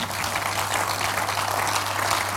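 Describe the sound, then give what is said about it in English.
A church audience applauds to the Lord, a dense, continuous patter of many hands clapping at an even loudness for a couple of seconds, with a low steady hum beneath and no talking. “Please take your seat as you give your hands to the Lord. Let's make it bigger.”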